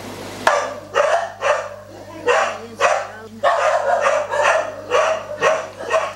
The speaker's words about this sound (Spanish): hay un apartamento con cuatro perros que están encerrados. Fíjense ustedes, hace 2 años que no han visto la luz del día.